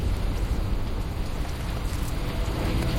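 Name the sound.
rain falling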